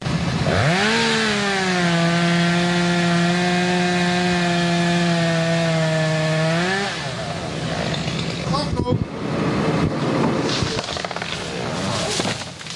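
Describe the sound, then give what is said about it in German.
A chainsaw used by forestry workers clearing storm-damaged trees in the town forest of Hörkranzhausen in the Westerwald, Germany, revs up and holds a loud, steady whine for several seconds, then drops into rougher, uneven grinding as it bites into wood. “Kettensägen wird man in den kommenden Monaten noch oft im Stadtwald von Hörkranzhausen hören.”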